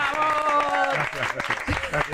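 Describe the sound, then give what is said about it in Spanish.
A TV studio audience applauds steadily through the whole stretch, a dense wash of clapping with voices calling out over it near the start, welcoming game-show presenter Juan Ramonet, host of Telecinco's Allá tú. “¡Un fuerte aplauso! ¡Bravo!”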